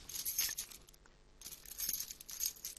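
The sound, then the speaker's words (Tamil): Metallic jingling and clinking in two bursts with a short pause between, like a key fumbling and scraping against the padlock of a house door that someone is trying to open, the key not going in; no voices are heard. “என்னது, சாவி பூட்ல போக மாட்டேன்னு?”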